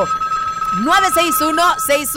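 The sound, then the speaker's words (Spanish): A telephone rings with a steady electronic tone as a phone line is activated on the radio station 101.7 XXFM, loud, while a voice starts talking over it partway through. “Oiga, pues bueno, activando línea telefónica en este preciso momento.”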